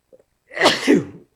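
A single loud sneeze bursts out after a brief intake of breath, sharp and explosive with a trailing exhale, and nothing else around it.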